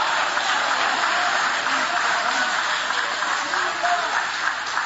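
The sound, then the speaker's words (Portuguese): An audience applauding steadily for about five seconds, a dense, continuous wash of clapping at an even, fairly loud level, with faint voices mixed in. “Levante a mão então e aplaude, porque quem sai do cativeiro vive uma reconstrução, vive o novo.”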